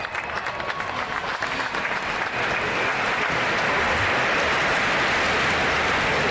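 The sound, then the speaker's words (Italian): Sustained applause from a large crowd as a commemorative plaque is unveiled during a visit by Pope Leo XIV: a dense, steady wash of clapping that holds at an even, fairly loud level throughout, with no voices standing out. “In questo momento, dall'applauso lo deducete, è stata scoperta.”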